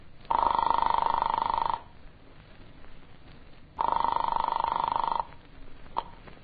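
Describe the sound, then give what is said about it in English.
A telephone rings on the line twice, each long, buzzy ring lasting about a second and a half with a pause between, heard thin as through a receiver, with no voices, after an apartment's number is dialed from a farmhouse phone. “He eventually led me to the phone and I dialed my apartment.”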